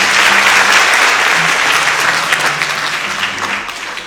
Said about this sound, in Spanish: Fuertes aplausos para ustedes.